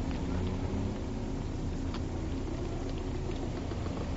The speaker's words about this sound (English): Oh, there's a bus coming.